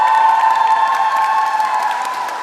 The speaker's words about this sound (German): Wer von euch hat Bock auf die Eurovision? Und alle, die mit nach Dortmund kommen, mach mal einen fetten Applaus!